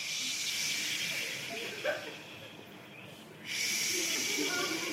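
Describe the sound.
A group of people imitate the sea with a sustained, breathy shushing hiss that fades briefly, then surges back loudly like a wave rolling in.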